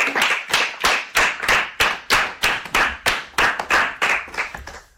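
Children clap together in a steady, even rhythm, about a dozen sharp, loud claps over a few seconds with no talking.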